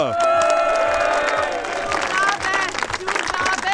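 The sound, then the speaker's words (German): A crowd cheers and whoops steadily after a 2,500-euro prize is won, with one loud voice shouting "Zugabe" (encore) above the noise, the roar swelling and dipping over a few seconds. “Der ruft jemand Zugabe.”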